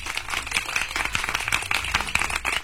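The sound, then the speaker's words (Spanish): Steady applause for a prize-draw winner, dense overlapping hand claps forming a continuous, fairly loud patter with no voices on top. “Estamos aplaudiéndole a Sandra Aide Ramírez García, ganadora.”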